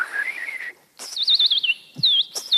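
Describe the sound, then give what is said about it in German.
A man whistles imitation forest bird calls: a wavering trill, then quick runs of bright, looping chirps separated by short pauses, clear with no talking. “Und die Waldvögel werden sich vermutlich manchmal wundern über diesen Vogel auf 2 Beinen, der ihre Sprache spricht oder es zumindest versucht.”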